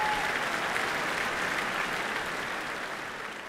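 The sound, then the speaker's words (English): Steady, dense applause from a large BBC Proms concert audience for the visiting Munich orchestra as the players take their applause, a continuous wash of clapping hands that holds at a fairly strong level and gradually tapers slightly toward the end, with no voices. “They turn to salute the audience behind them before turning once more to take the applause.”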